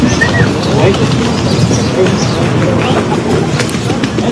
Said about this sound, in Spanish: Ahí pues al principio se escucha el chiflido, es ¿no? un tiene poco grosero. Toda la razón. Es un poco grosero